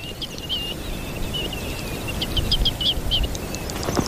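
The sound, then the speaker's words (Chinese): A small songbird calls repeatedly at dawn, a series of short, bright chirps and whistles over a steady, low rumbling background, with no voices. “他还要保护自己的地盘，以防被别的鸟抢了去。如此高调实在是冒险。”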